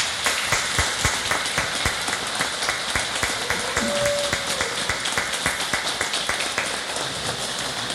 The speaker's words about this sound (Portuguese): Olhe lá para o povo, são os irmãos da irmã, uma salva de palmas.